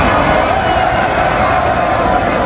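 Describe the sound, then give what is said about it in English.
A large crowd of Montreal Canadiens hockey fans cheering in the streets of downtown Montreal after a win, a dense, steady roar of many voices that holds at a loud level throughout, with no distinct words standing out. “I just want those fans to be screaming, ole, ole, ole.”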